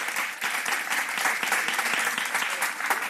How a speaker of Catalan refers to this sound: Estem parlant de Danny DeVito. Podeu aplaudir.